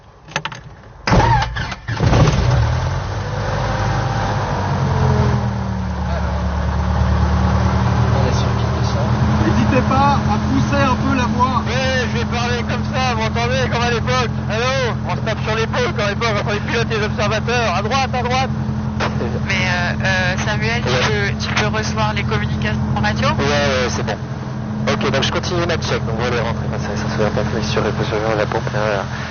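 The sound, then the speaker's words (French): A light aircraft's piston engine, still cold, coughs and catches over the first few seconds, then settles into a steady, loud idling drone that runs throughout while a person talks over it. “Alors, la pression d'huile, on est dans le vert, c'est bon, la température du moteur, il est froid, c'est normal, ça va monter.”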